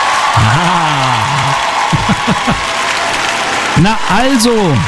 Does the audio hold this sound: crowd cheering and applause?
yes